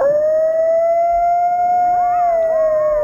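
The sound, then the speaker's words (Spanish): A coyote howls in one long, steady, loud note, and partway through other wavering, yipping howls rise and fall over it. No one speaks. “Sí, no es un lobo. Coyote.”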